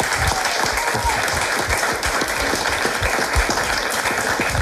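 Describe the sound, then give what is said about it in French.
A crowd applauds the volunteers of the Toqués Solidaires initiative, a dense wash of many hands clapping at an even, fairly loud level throughout, with no voices standing out. “Je propose qu'on les applaudisse d'ailleurs.”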